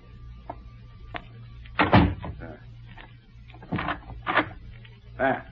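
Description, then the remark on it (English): A door is pushed shut and locked: a loud clunk, then several shorter knocks and rattles of the latch over a steady low hum with faint muffled voices. “I will close the door.”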